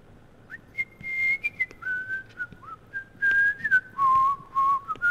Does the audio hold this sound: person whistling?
yes